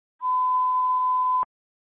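A single steady electronic ringtone beep, one pure tone held for just over a second, loud and clean, then cutting off abruptly. No voices or other sounds around it.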